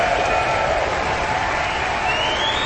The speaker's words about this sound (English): they're enthusiastically applauding and whistling this final performance of the Aspen Music Festival season